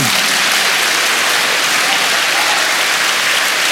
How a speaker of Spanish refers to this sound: Dele palmas al Señor.